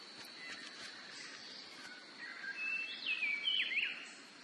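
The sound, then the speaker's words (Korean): Many kinds of birds chirp and whistle at once against a soft forest hiss in cloudy highland oak forest, gathering to eat the fruit of giant oaks, with thin high calls and a brighter, rising whistled phrase near the end. Moderately faint, no voices. “이들의 가지가 열매로 묵직해지면 수많은 종류의 새들이 열매를 먹으러 모여듭니다.”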